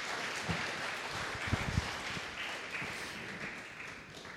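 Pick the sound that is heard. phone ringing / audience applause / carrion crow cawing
audience applause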